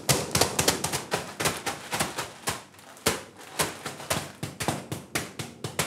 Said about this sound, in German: Also bitte, einfach nur so. Müssen wir einmal oben ein bisschen klopfen und die Oberfläche ein bisschen beschädigen.